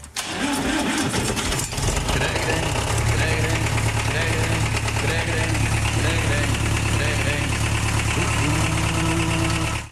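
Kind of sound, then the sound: vehicle, tractor engine running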